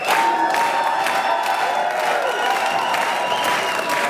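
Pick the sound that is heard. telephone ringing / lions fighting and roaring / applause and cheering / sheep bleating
applause and cheering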